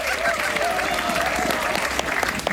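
Steady clapping from a group, with excited high-pitched cheers and shouts riding over the applause throughout, from the radio's 'dwarves' who ran in to cheer for the listeners.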